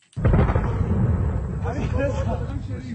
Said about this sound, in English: Sounds of explosions rock Tehran. U.S. Central Command say the attacks are designed to impair Iran's ability to threaten commercial shipping in the Strait of Hormuz.